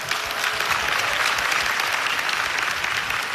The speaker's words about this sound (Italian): This year we lost two of them whose work was greatly influential in the history. Please tribute a warm round of applause to Moritz de Hadeln and Lili Anstam.